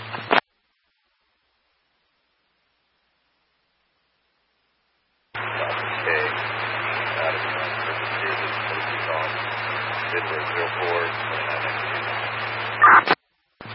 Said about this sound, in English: I'm not copying that. Too staticky.